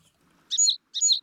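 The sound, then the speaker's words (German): Two quick, bright sparrow chirps in a row, each a short high trill with a brief pause between, against an otherwise quiet background. “Ach, jetzt sind meine Spatzen irgendwie weg.”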